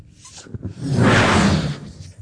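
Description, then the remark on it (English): One long, forceful breath blown hard into a balloon: a loud, breathy rush of air that swells quickly, holds for about a second, then fades, with no talking. “It would be like blowing up a balloon, blowing hard.”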